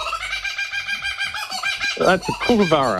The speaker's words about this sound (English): That's a kookaburra. So easy. Kookaburra, okay.